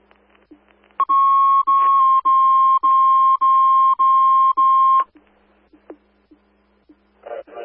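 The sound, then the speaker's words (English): A loud fire department dispatch alert tone sounds in six steady, sharp pulses with brief gaps, over faint background hum and soft ticking, followed by quiet clicks and a short burst of noise. The tones are timed at 8:50. “Time of the tones at 8:50.”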